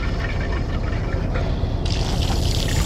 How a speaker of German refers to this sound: Er wäscht sich die Hände. Ich höre es.